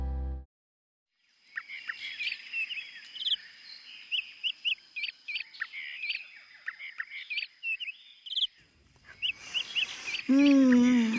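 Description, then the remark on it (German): A lively chorus of many colorful tropical birds by the sea chirping and whistling in quick, overlapping bursts over a steady high-pitched drone; a voice briefly cuts in at the very end. “So viele bunte Vögel, duftende Blüten und das Meer.”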